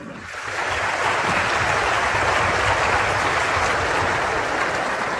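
A crowd bursts into applause, quickly swelling to a steady, dense wash of clapping that holds at full strength for several seconds without any voices.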